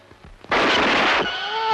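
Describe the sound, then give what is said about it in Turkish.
A single loud pistol shot bursts out abruptly and rings for under a second, cutting off sharply, then a voice immediately cries out in a strained, wavering wail; the bullet grazed an arm. “Beni vurdun ulan deli!”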